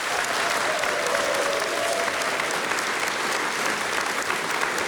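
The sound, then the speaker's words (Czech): An audience at the opening of the new spa season in Luhačovice applauds steadily throughout, a dense, even wash of many hands clapping at a consistent loud level with no voices standing out. “Dámy a pánové, velmi děkuji za krásný potlesk, ale teď si připravte pořádné potleskání”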